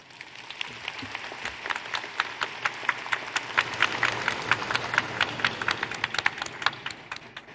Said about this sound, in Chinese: 朋友们，让我们用热烈的掌声有请银川市委副书记、市长陶少华同志主持闭幕仪式。